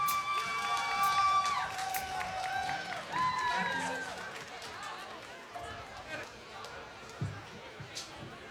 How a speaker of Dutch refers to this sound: Geef ze een groot applaus, jawel!